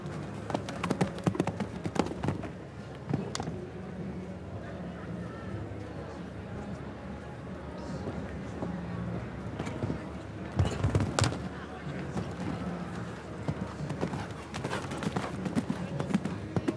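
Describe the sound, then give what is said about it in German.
A show jumping horse gallops during the second round of a competition, its hooves pounding out a steady run of sharp thuds, with a couple of louder bursts partway through. A voice talks over the hoofbeats now and then. “Lässt das Pferd frisch galoppieren.”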